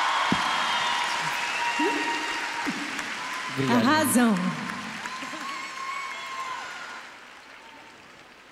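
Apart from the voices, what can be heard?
audience applause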